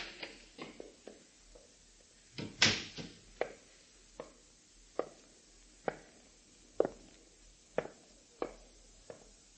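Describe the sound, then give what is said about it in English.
Someone is at the front door: a series of sharp, irregular knocks and clicks, with one louder bang early on, and no voices. “There's someone at the front door.”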